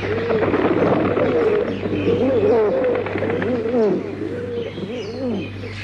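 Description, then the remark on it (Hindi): Several pigeons coo continuously, their soft, warbling calls overlapping in rolling phrases over a steady low hum, with a few faint chirps mixed in. “तभी उसने कुछ कबूतरों को देखा।”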